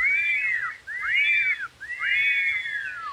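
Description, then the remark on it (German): Three clear whistles, each a rising-then-falling glide, come one after another in a steady rhythm with brief pauses between. No talking. “Pfeif auch dreimal.”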